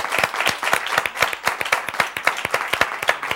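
A studio audience on a TV set applauds actress Ana Obregón steadily, dense overlapping claps forming a loud, continuous rattle with sharp individual hand strikes popping out throughout.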